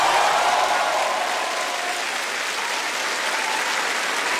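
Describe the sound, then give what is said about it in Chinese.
Steady, dense applause from an audience for two teachers fills the whole stretch, a loud continuous wash of many hands clapping with no pauses or talk. “掌声送给两位老师。”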